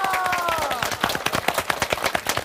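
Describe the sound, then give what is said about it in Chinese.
An audience breaks into applause to encourage a guest about to try an instrument made from building materials: many hands clapping in a quick, uneven patter that stays fairly loud throughout, with a brief high tone ringing over the opening moment. “试一下， 我们掌声鼓励一下好吗？”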